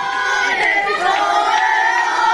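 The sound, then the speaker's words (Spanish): A large crowd chants a victory cry in unison celebrating Spain winning the championship, a loud, sustained wall of many voices with a steady, rising pitch and no pause throughout. “¿Cuántas veces se escuchó ayer este grito por las calles y las ciudades de toda España, donde el punto, el epicentro fue Estados Unidos, Nueva York, y allí, sí, allí también había representación alcoyana?”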